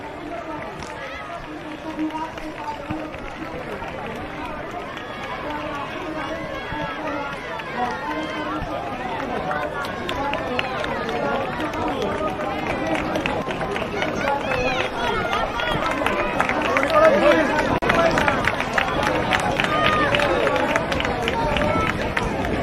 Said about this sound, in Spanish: y vamos a escuchar el sonido de la victoria, el sonido de estos aplausos del público que se congrega a las afueras recibiendo al ganador.